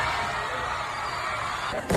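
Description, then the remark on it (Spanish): Fireworks exploding in a dense, continuous barrage, a steady loud wash of crackling bursts with no pause, then a sharper surge of noise near the end. “Cohetes artificiales.”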